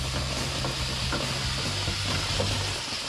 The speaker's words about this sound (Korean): 에어컨 내부도 같은 방식으로 고압 세척기를 이용해 묵은 때를 싹 벗겨냅니다.